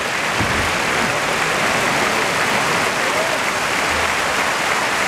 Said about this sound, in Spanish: La gran ovación que se lleva Borja Jiménez, que ha levantado de sus asientos la plaza del puerto de Santa María.